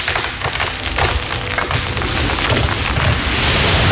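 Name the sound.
tree falling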